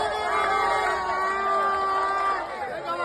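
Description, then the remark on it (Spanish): Dozens of fans cheer and shout loudly and continuously, with sustained chanting tones and whoops rising over a dense, steady roar, as the team bus arrives at the gates of the Coliseum in A Coruña on a Saturday afternoon. “Decenas de aficionados se agolpaban para recibir al autobús del equipo a su llegada a las puertas del Coliseum coruñés.”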